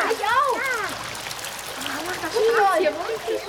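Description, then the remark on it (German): Children shriek and call out excitedly over a steady wash of splashing, sloshing water as they paddle, splash and spray in the warm, shoulder-deep water of a non-swimmers' pool. “Alle Kinder paddeln, planschen und spritzen nach Herzenslust im Nichtschwimmerbecken.”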